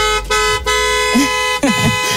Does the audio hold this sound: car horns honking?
yes